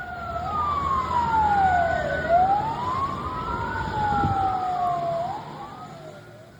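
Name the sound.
ambulance siren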